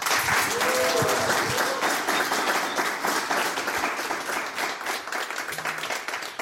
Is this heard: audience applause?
yes